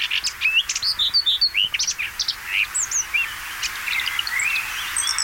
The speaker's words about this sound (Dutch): Deze bosrietzanger van Dirk-Jan Saaltink bijvoorbeeld. Koud terug uit Oost-Afrika, neergestreken onder de rook van Rotterdam, zingt hij zijn lied.